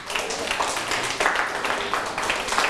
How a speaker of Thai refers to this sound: ปรบมือให้ทุกคนเลยเก่งมาก